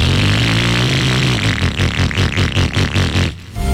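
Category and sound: vehicle, old motorcycle engine revving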